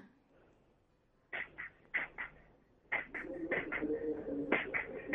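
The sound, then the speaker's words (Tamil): An eighth-grade student vocally imitates a fast-moving train: a few rhythmic, breathy chugging bursts, then a louder sustained stretch of steady puffing with tonal whistle-like overtones, fairly loud. “அடுத்து வந்து ட்ரெயின்.”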